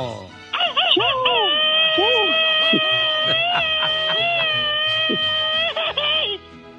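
A loud, high-pitched Mexican machine-gun style grito shout for the people of Guanajuato, held for several seconds, with rapid stuttering bursts at the start, midway and at the end, over a busy background.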